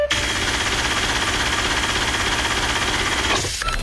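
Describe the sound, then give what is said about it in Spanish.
A cash register alarm, played on the Mix radio station as its contest signal, rings loudly and steadily, a harsh, rattling, buzzing tone that holds for about three seconds before cutting off abruptly. No one speaks over it. “en cualquier programa y en cualquier momento suena la alarma de la caja registradora, que es esta.”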